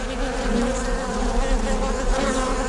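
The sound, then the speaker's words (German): A dense, steady drone of many bees buzzing together at a bee farm, continuous, with a constant hum layered over a low rumble and no voices. “Da gibt es Workshops auf unserem Bienenhof, wo die Kinder auch gucken können, in so eine Waben reingucken können und lernen, wie Honig hergestellt wird, wie Honig gemacht wird.”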